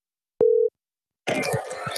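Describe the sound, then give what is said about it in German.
A brief, steady, clear telephone line tone sounds once on an outgoing call to Ireland, then after a short pause a crackly, noisy phone connection takes over. “Darum habe ich telefoniert nach Irland.”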